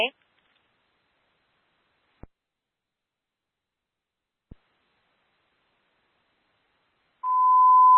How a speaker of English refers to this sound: And 70 Bravo, do we want a continuous ping or one-time ping? Continuous ping, please.